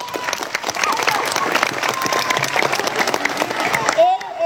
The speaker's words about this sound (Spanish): Que los chicos de la selección son todos joyas, pero este es una joya y demasiado le aprecio porque fue mi alumno. ¡Aplauso, Enciso!